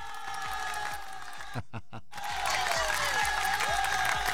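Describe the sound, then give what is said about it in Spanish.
A steady wash of crowd applause with some cheering, briefly dropping out for a moment before resuming a little louder and continuing to the end. “Un aplauso para mí, por favor.”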